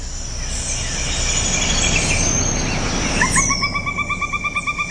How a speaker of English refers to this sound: We have one more under honorable mentions. One more honorable mention, number 13, the pileated woodpecker. Let's listen again.